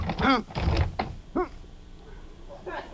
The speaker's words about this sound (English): Well, that's funny. What's the matter? The door's stuck. The lock must have snapped shut when it slammed. Well, pull on it. Well, I am.